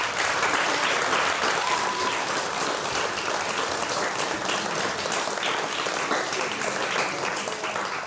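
An audience applauds steadily for about eight seconds as a schoolgirl comes up to accept a prize in a writing competition. The applause is a dense, loud wash of many hands clapping at once, with no break and no voices on top.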